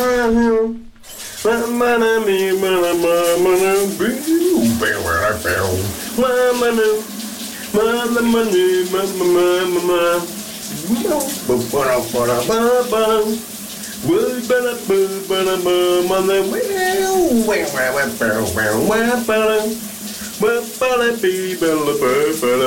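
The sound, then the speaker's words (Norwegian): A man sings a melodic tune over the steady hiss of a running shower, his voice wavering through sustained notes while water sprays continuously underneath. “Det er altså et ikonisk hit, han synger i bruseren i dag.”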